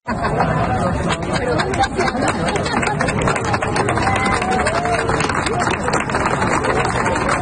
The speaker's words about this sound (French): Mais là, les gens sont rassemblés, il y a foule et il y a des applaudissements.